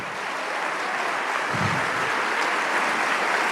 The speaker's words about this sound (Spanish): Oh, vamos, dale ese aplauso fuerte, fuerte, fuerte.